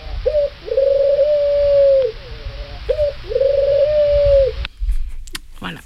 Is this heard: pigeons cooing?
yes